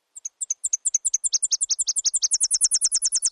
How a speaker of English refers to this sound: They can also sometimes sound a little like a Tennessee warbler. Just remember that the Tennessee song has three parts.